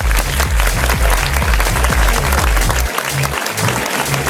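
Loud, sustained applause from a crowd for a DJ during a radio dance party show, dense steady clapping with a thumping music beat pulsing underneath.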